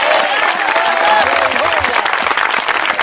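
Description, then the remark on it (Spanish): A church audience applauds for Christ steadily, a loud, dense wash of many hands clapping throughout, with some voices mingling underneath the clapping. “aplauso para Cristo, se muere de hambre el Señor con ese aplauso.”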